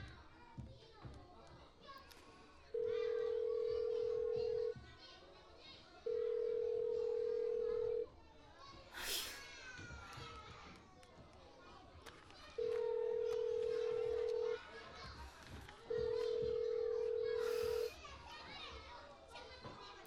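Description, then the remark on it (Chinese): A phone ringback tone for a call that goes unanswered sounds four times, each steady two-second buzz followed by a pause, clear and loud over a background of children playing and chattering. “关键时刻，这几个不靠谱的怎么都不接电话呀？”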